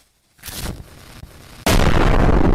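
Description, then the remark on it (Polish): A loud explosion effect: a first blast rises from near silence and rumbles on, then a second, heavier boom hits suddenly and holds as a dense, roaring wall of sound. “Oznacza to, że w dowolnym miejscu tej odległości odsłuchowej można słuchać przez długi czas z głośnością referencyjną, a chwilowe szczyty, takie jak spadki basu czy efekty eksplozji, będą słyszalne wyraźnie i z minimalnymi zniekształceniami.”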